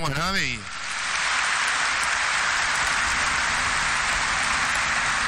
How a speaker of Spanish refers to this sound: Y a todos nosotros, lleva un fuerte aplauso.